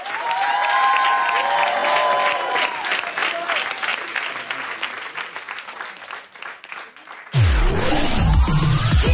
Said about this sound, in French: Applaudissez-vous, merci.